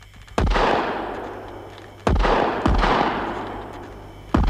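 rifle gunshots

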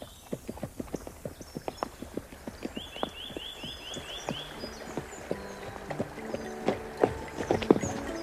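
horse hooves clip-clopping

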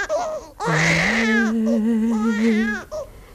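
baby crying

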